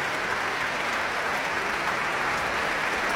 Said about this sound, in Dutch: Het Radio Philharmonisch Orkest onder leiding van Tiani Lou speelde Scheherazade van Rimsky-Korsakov. Met een groot applaus hier in de grote zaal van het Concertgebouw in Amsterdam. Voor dirigente Tiani Lou.